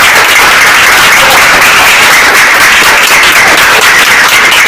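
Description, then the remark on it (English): A loud, dense burst of applause for a correct quiz answer in a Primary 4 class fills the whole stretch, many hands clapping steadily with no pauses or speech. “Roll of applause!”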